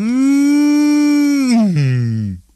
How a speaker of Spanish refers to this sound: Pero cuando llegaba otra vez la noche, bostezaba la vaca pinta. Bostezaban los becerros.